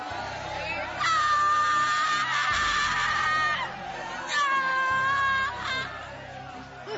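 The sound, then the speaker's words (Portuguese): An audience shouts and cries out together during prayer, calling for Jesus to burn away evils, in loud, overlapping bursts, swelling twice into intense collective yelling. “Vai gritando para Jesus queimar!”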